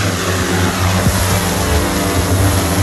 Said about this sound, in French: Le drone lui pèse 5 kg pour 1,20 m d'envergure. C'est un drone qui peut monter jusqu'à 40 mètres de hauteur. Là on peut le mettre en route ? On peut le mettre en route.